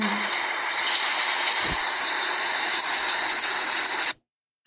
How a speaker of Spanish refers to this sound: Oigan, qué bonito llovió ayer para acá. Nos envían un video de la lluvia de Quiriego y Rosario. A ver, mira, a ver si alcanzamos a escuchar.